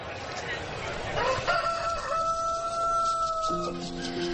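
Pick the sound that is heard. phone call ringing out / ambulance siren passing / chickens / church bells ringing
chickens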